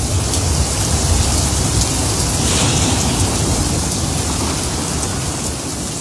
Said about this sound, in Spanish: La lluvia se escuchaba particularmente fuerte ese día. Y llegar a la escuela siempre fue un desafío. Pero ese día, llovía como si no hubiera un mañana.